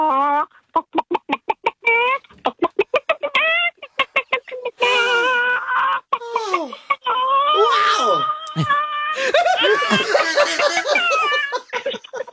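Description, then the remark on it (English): A person imitates a frantic, stressed chicken with rapid staccato clucks that break into long, wavering squawks and wails, loud, with no other talk. “Cool, I can do a chicken in stress.”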